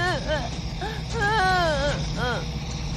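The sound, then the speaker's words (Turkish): A frightened child cries in several high, wavering wails, including one long drawn-out sob in the middle, over a steady low rumble. “Neden ağlıyor?”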